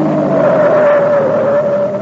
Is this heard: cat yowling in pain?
no